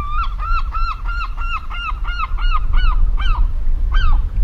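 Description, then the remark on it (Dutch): A herring gull calls in a quick rhythmic series of about ten clear, nasal, slightly rising notes over a steady low rumble of wind or surf. “Dat is duidelijk volgens mij hoger dan wat je net hoorde van die kleine mantel.”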